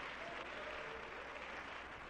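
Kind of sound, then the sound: crowd, audience applauding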